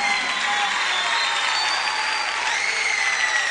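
Loud, sustained applause from a crowd, a dense steady wash of clapping that holds at an even level throughout with no break or voices standing out.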